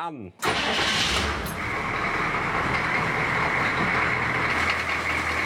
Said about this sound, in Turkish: Bir, iki, üç. Dikkat et. Şimdi arabayı çalıştırıyorum.